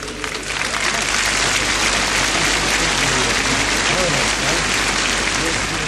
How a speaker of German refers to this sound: Applaus